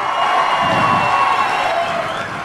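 A crowd applauds and cheers loudly, a dense wash of clapping mixed with shouting voices that holds steady before easing slightly at the end.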